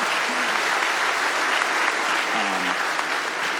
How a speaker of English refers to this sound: Okay, some claps for leaving a bad job.